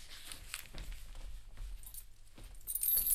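Keys are handed over, jingling and clinking in a few quick, light metallic shakes that grow brighter toward the end, with no one speaking.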